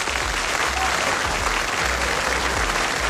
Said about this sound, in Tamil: நம்முடைய இசை கலைஞர்களுக்கு ஒரு பெரிய கைத்தட்டல் கொடுத்துடலாமா?